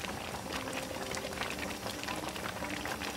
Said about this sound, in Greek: Και ανάλογα που την αποθήκευση που έχουμε, όπως έχουμε βάλει τα κιλά της πάστας, βάζουμε και το ανάλογα νερό και την ανάλογη ζάχαρη. Οπότε τώρα είμαστε, όπως βλέπετε, στο βράσιμο.